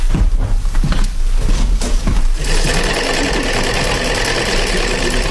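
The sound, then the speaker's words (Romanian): A sewing machine runs in a workshop, starting with a couple of seconds of rapid, uneven clattering before settling into a loud, steady mechanical whir. No one speaks. “La mașina asta e să lucrez.”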